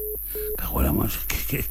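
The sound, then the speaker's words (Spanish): Two short, steady telephone line beeps in a busy-signal pattern during a failed call, then a person starts talking over a thin, phone-quality line. “Es que esta telefónica que tenemos aquí es un desastre, tío.”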